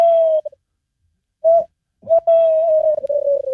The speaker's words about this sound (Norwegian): Og så har du kattugla som kan si noe sånt som dette her da.